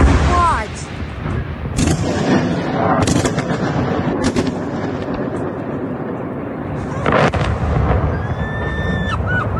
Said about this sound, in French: Si l'Ukraine s'est maintenant arrêtée, la grande majorité des drones, elle est en difficulté face aux missiles extrêmement rapides et puissants. Vous entendiez ces explosions.